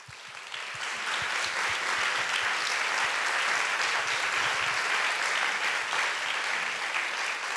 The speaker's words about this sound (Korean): 이런 신화의 그리고 우리 음악에 대해서 네 분 명인 선생님들을 모시고 조금 더 특별한 속 이야기를 들어보는 시간을 마련해 보았습니다. 그럼 박수와 함께 네 분 선생님들 모셔볼게요.